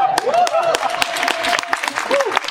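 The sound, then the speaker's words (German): An audience applauds, dense steady clapping that keeps up throughout, with a high wavering whistle or voice sliding above it at the start and again near the end. “Der Applaus kommt an der richtigen Stelle.”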